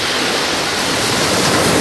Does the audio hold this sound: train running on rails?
no